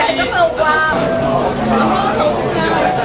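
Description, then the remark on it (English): A lively crowd at Ocean Park, Hong Kong, celebrates the second birthday of twin giant pandas Jia Jia and Dee Dee, many voices chattering and calling out over one another in a steady, dense babble that stays loud for the full three seconds. “They got special bamboo treats, and the crowd at Ocean Park, Hong Kong, celebrated.”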